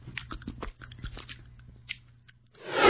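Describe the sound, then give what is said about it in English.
A dog named Churchill licks peanut butter SimPill oral medication gel from the top of the device, making quick irregular wet smacks and slurps over a steady low hum, before a loud rush of noise swells at the end. “How about we use peanut butter SimPill today? Okay, Church. Sit. Now start licking.”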